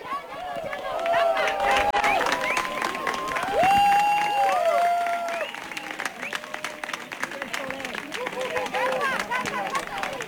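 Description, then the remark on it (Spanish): Outdoors in Cuenca, a crowd of locals and tourists claps steadily to welcome an eclipse, the dense patter of many hands running throughout, mixed with rising and falling cheers, whoops and excited voices over the applause. “Con un aplauso dieron la bienvenida al eclipse los conquenses y turistas que eligieron Cuenca Capital para ver este fenómeno.”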